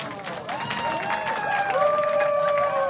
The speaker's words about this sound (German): Ein Applaus für das.